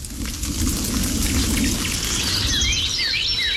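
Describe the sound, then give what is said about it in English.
Steady, heavy rain from a storm hisses throughout over a low, continuous rumble like thunder, while a few quick bird chirps rise faintly near the end as the storm passes. “But when the storm passes, birds once again take to the skies.”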